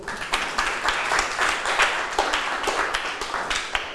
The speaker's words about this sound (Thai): สุดท้ายแล้วปรบมือให้ตัวเองหน่อยครับ